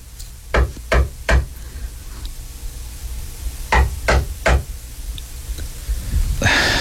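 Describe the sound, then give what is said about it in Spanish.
Someone knocks on a friend's door in two sets of three firm raps, a short pause between the groups, loud, with no voices, followed by a soft breathy rustle. “Un día, las visitas nocturnas cesaron y Pascual, preocupado, se atrevió a salir de su encierro casi permanente y tocar a la puerta de su peculiar amiga.”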